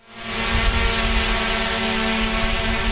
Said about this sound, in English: That whirring sound is a sure sign of an unmanned aerial vehicle, also known as a UAV and more commonly referred to as a drone. These light, quick-moving mini-copters have a lot of uses.